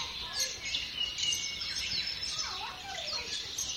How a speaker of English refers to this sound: written a nice list of bird species that you can hear on the stream